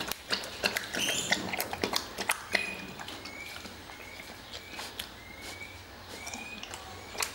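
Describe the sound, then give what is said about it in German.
Wet lapping as a bear laps up soup with its tongue, a quick, irregular series of slurping clicks that gradually thins out, with faint bird chirps in the background. “Also die saugen das nicht so wie bei den Lippenbeeren, sondern die schlabbern das richtig mit der Zunge.”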